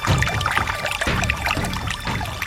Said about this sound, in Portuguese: A água benta milagrosa. A água que jorra da fonte do Senhor Bom Jesus. Água benta e exorcizada.